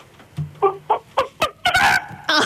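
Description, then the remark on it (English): A man, a caller to the CFM radio station, imitates a chicken, giving a quick series of sharp clucks that build into a drawn-out squawk, then a final cluck, with no talking. “give us your best chicken.”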